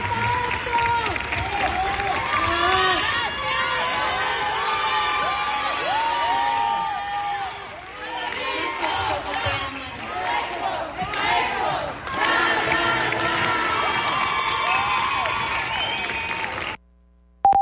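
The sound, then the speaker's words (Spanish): A full city theater audience in Irapuato applauds and cheers loudly in recognition of a master for about sixteen seconds, dense clapping mixed with shouts and whoops, sustained without a break before cutting off abruptly. “Irapuato, su teatro también le reconocía con aplausos, aplausos que hoy está recibiendo seguramente en su camino al cielo.”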